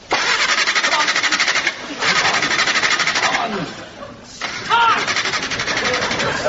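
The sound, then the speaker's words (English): A car engine in town cranks in three rough, rapid-pulsing bursts separated by brief pauses, sputtering loudly each time but never catching and running. “But somewhere in town, Mr. Foddy is have trouble with car. It stop.”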